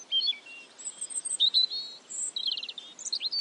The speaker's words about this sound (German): Wir sagen gar nichts mehr. Wir lauschen den Vögeln.